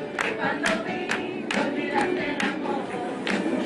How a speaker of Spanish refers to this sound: Mirá, mirá, está bien la canción. Mirá. Miren cómo arranco el aplauso.